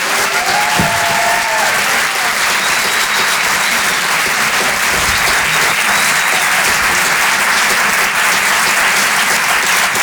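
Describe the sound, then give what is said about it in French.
A comedy club audience at the Chanson Comedy Club, live on stage at the Apollo Théâtre in Paris and broadcast on Rire et Chanson, applauds loudly and steadily for about ten seconds to welcome comedian Anne Roumanoff. It is a dense, unbroken wash of clapping with a brief whistle or whoop near the start and no one speaking. “Je vous demande d'applaudir très chaleureusement, s'il vous plaît, sur Rire et Chanson, Anne Roumanoff.”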